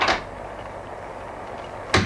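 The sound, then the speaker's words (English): A door is opened to an unannounced caller at night: a brief clunk of the latch at the start, a quiet pause with low hiss, then another short knock-like thud about two seconds later, fairly loud. “Mr. Huberman is attending to the door himself”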